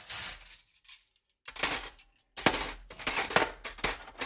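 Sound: dishes clinking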